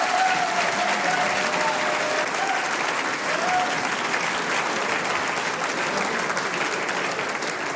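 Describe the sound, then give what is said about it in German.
Steady, dense audience applause fills the whole stretch at an even, loud level, a continuous crackle of many hands clapping with no voices rising above it. “das ist dein Applaus.”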